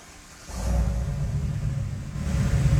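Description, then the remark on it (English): A truck engine at Xenia High School catches after a brief moment of quiet and settles into a steady, low, rumbling idle, moderately loud, with no talking over it. “But this truck is so impressive looking. I was thinking maybe could you guys just start it?”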